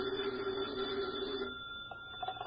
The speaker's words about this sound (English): is at his desk when his phone rings.